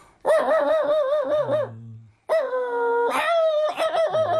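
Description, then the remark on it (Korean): A voice imitates a dog's excited, happy barking as it greets its owner coming home: long, wavering yelps and whines in a few loud bursts, with a short pause between them. “주인이 이제 반가워서 짖는 소리는 이렇게 짖는 거죠.”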